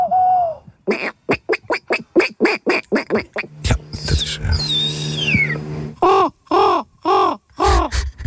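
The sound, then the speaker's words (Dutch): Contestants from earlier editions of a Dutch bird-whistling championship imitate bird calls: quick series of harsh, crow-like caws, a long descending whistled note in the middle, then more loud rhythmic calls. A voice briefly speaks at the start. “Laten we even naar het deelnemersveld luisteren van eerdere edities.”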